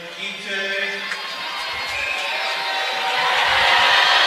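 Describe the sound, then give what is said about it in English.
A hockey crowd jeers UNH Wildcats freshman Emil Gite as he shoots in round three of a shootout against Merrimack, a dense, steady roar of many voices that swells gradually louder across the few seconds, with no single voice standing out. “Crowd letting him hear it.”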